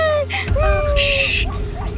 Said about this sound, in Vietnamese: Ê, hai bà con nghe tiếng chó sủa không? Chắc là gần tới làng rồi á.